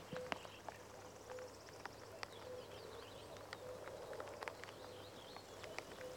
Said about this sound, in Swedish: Så att, och göken ropar där bakom dig så att nog känns det som maj i ljudbilden. Ja, nu är göken igång. Ska vi lyssna lite?